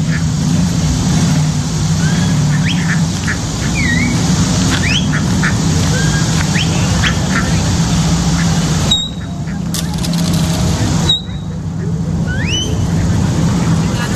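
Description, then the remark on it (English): A flock of ducks calls repeatedly, with scattered short squeaky quacks, over a steady low outdoor rumble like an engine or wind, with brief breaks partway through. “Oh, watch this. The ducks.”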